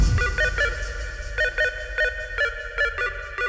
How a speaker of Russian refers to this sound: телефон!